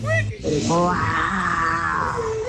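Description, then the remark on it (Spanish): A person imitates a lion's roar, a loud, sustained growling voice lasting a couple of seconds, strained, rising and holding before trailing off. “Una mañana en la selva, el león se despertó y rugió muy fuerte.”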